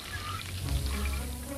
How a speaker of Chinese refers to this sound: 大葱爆锅，加入自制的大酱，